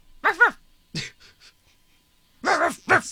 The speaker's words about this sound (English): I know you looked up raccoon sounds, but it still sounds like Oreo's fighting a dolphin. That's what a baby raccoon sounds like.